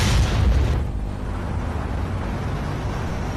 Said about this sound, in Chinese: 黑乎乎的火炉，葫芦形的压力锅，以及那惊天动地让人既害怕又向往的一声巨响。